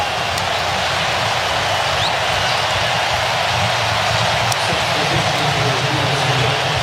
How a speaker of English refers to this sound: We hear a nice applause from the crowd there for Malik Tillman. Great recognition of just an all-around performance.